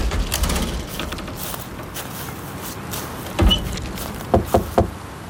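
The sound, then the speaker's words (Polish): Boys knock on the door of their grandfather's small house: a single solid rap, then a quick run of three sharp knocks a moment later, standing out against a faint steady background hiss with no voices. “Walicie w drzwi, jakby coś się stało.”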